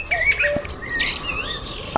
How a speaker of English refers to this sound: So if you're short on the sound of birdsong where you are, we'll often hear it here on Boom about this time on a Sunday morning when we step out into the garden of our nature watcher